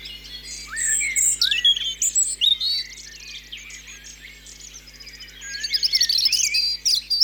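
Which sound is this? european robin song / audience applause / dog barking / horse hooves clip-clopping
european robin song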